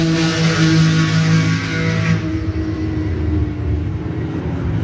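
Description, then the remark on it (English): A white car's engine roars loudly and steadily as it speeds along a track during a driving session, its pitch holding high and strained before easing slightly as it passes, with no voices present. “I think this was maybe the first session here, and that's me in that white car there.”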